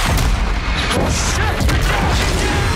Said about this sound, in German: Und wir sind mittendrin in der Action. Große Explosion. Es wird erst geschossen, dann werden Fragen gestellt.